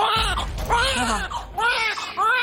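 Two newborn twin babies, born after 37 weeks, wail loudly right after delivery as doctors attend, in several rising-and-falling bursts with brief gasps between them, the shrill cries carrying over a low background murmur.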